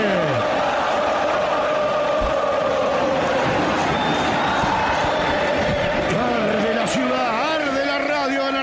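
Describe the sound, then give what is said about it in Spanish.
A packed stadium crowd of Boca fans, la 12, roars and chants for Boca during a football match, many voices merging into a loud, sustained wall of sound with rising and falling sung tones and occasional thuds. “Se grita por Boca, reacciona a la 12.”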